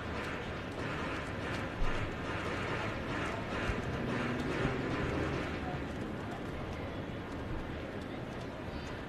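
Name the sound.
horse hooves clip-clopping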